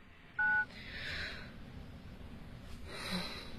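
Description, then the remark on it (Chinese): A single short, clear telephone keypad tone beeps near the start, loud, as someone dials a home telephone number, followed by quiet hiss and soft breathy rustling with no one speaking. “哎，这上面不是有他的住宅电话号码吗？ 那我来打。”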